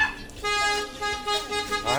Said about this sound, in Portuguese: Ah, mas chegou buzinando. Bora ver quem tá dirigindo esse carro.